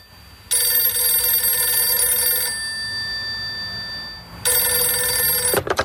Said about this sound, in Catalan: Amb aquest escenari nou, molts clubs italians van llançar la xarxa per pescar Estiarte i arriba un dia que sona el telèfon a Manresa, encara al domicili familiar.